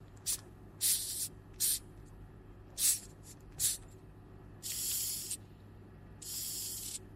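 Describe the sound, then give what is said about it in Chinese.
A Madagascar hissing cockroach hisses in a series of sharp, airy bursts, several short puffs followed by two longer, steadier hisses, fairly loud against a quiet low hum, with no talking. “就是它就会发出那种嘶嘶声，就是如果说你在它的面前去听的话，你其实发现声音也不小，还挺大的”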